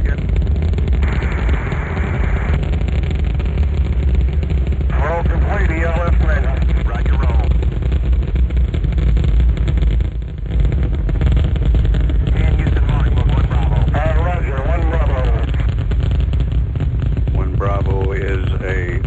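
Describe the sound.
A loud, steady rocket engine roar rumbles continuously, deep and dense, just after liftoff, while crackly radio voices talk intermittently over the din.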